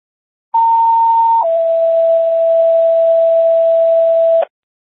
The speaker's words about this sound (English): Medic 6, can you stand by for non-emergency tones?